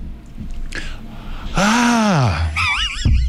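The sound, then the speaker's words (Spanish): A single voice mimics the scandalized female screams heard at the inauguration of the Alginet fair: a loud, slightly hoarse shriek that swoops up and falls away, followed by a quavering high-pitched cry. “Y hubo gritos femeninos también.”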